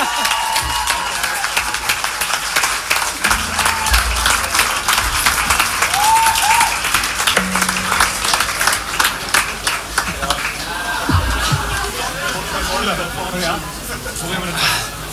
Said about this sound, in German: Vielen, vielen Dank. Nur einen Applaus für